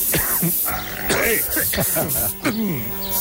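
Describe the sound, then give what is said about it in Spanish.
Several short hissing bursts of an aerosol insecticide spray, fired in quick irregular succession at a big fly in a village square in Spain, over a steady noisy background with voices murmuring and a buzzing drone. “Lo mejor es darle con el matamoscas, espérate, toma. No, toma. Con el spray.”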